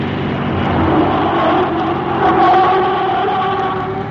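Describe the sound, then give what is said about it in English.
A car engine roars steadily, its pitch climbing and easing as it accelerates up a winding hill road, loud and continuous with no voices. “Hang on tight, Joan. We'll see if this car of your mother's is as good as it looks.”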